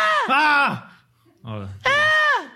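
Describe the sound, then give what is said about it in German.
A voice imitates a little girl screaming in a play yard: two loud, high-pitched shrieks with a short low-pitched breathy sound between them, unaccompanied. “A little girl's in a play yard. Ein kleines Mädchen auf dem Spielplatz. She starts to scream.”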